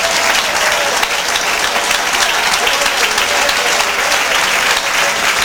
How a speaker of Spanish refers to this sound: Dele un aplauso al Señor, amado Jesús.